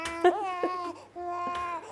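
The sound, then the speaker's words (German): A hungry four-month-old baby boy cries in two sustained wailing bursts separated by a short gasp, fairly loud, with no one talking. “Oh, ich höre mein Baby.”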